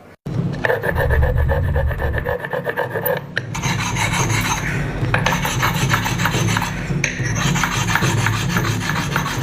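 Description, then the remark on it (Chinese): Loud sanding and polishing of a Nixing clay pot, the final step of the traditional six-step craft: a steady, continuous abrasive rasping that turns brighter and harsher partway through and never pauses. No one speaks. “窑窑啊，真窑啊，窑光抛光嘛，打磨。”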